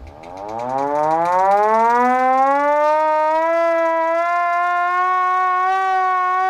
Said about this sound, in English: That is the panic alarm. That is the panic meter going off.